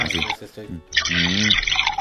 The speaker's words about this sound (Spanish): Suena como a como que es agua, pero no, es licuado. No, es licuado.